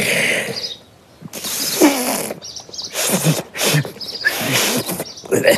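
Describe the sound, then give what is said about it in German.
A failed attempt at whistling: several breathy bursts of blown air, noisy and hissing with a sputtering edge, come in uneven puffs with no clear whistle tone ever forming. No one speaks. “Also, wie ein Pfiff klang das nicht.”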